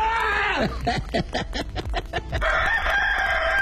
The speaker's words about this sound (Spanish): El gallo de Oaxaca.